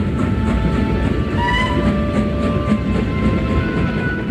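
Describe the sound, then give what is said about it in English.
A fast train roars along the tracks, with a loud, steady rumble and rattling of the cars. A sustained horn-like whine rides over the noise, and no one speaks. “The train began to move forward so fast that it was frightening.”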